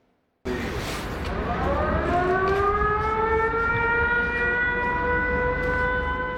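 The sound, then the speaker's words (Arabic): An air raid warning siren in Ukraine, warning of a Russian attack, starts abruptly and wails steadily, its pitch slowly climbing and then holding a loud, sustained tone over a low rumble of background noise. “بين إنذار وآخر يعيش الأوكرانيون، تتوقف الحياة ويهرع الجميع إما إلى الملاجئ أو المناطق المفتوحة.”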